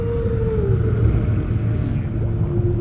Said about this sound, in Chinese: 声音在水下可以传播得更远，鲸的歌声可以横跨整个海洋。